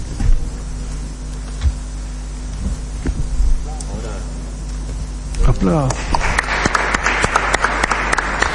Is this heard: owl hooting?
no